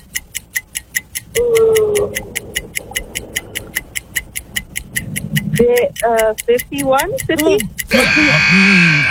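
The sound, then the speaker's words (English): A game show countdown timer ticks rapidly and steadily while people talk over it, then a loud, harsh buzzer blares at the end and holds. “You got in two guesses there before the buzzer.”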